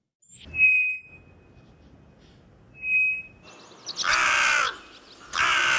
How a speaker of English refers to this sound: The magic and the mystery of birdsong, that sound which has transfixed and bewitched us humans forever.